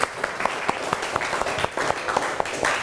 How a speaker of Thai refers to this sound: ก่อนอื่นเราปรบมือให้กำลังใจเพื่อนหน่อยเร็ว